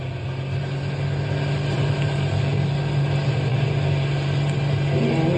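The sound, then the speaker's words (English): A car engine runs loud with a steady, droning hum and broad road-like rumble as the car speeds to get out of a park, holding an even pitch throughout with no voices. “Step on the gas. We've got to get out of the park.”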